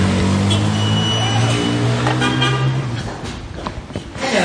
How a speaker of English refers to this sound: I was stuck with the traffic now. The number of cars in Damascus may be tripled since the fall of the regime.